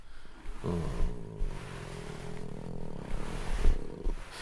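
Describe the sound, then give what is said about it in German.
A contented tomcat purrs steadily while being stroked, a low rumbling vibration that swells and eases in a slow rhythm for several seconds, with no voices over it. “Es gibt nichts Entspannenderes als das Schnurren einer zufriedenen Katze.”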